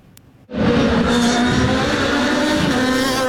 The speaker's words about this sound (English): As the cars raced by, many fans were entranced by the sound of those engines. I just like the loudness, watching the cars racing. It's just a fun experience. The sheer power of the cars, a big draw to the Honda Dealers Indy in Markham on Saturday